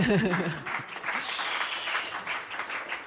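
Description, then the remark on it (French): A brief voice at the start gives way to a crowd applauding steadily, a dense wash of many hands clapping that stays fairly loud and even until the end. “Et on peut les applaudir, on peut les applaudir.”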